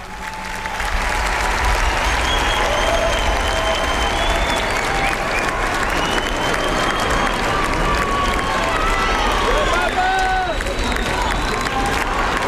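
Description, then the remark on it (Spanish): A large crowd of faithful at Montserrat cheers and applauds continuously, a dense wash of clapping with rising shouts of "viva el Papa" for Pope Leo and whistles, steady and loud throughout after a brief quieter start. “Gritos de viva el Papa, por parte de los fieles que están ahí en Montserrat.”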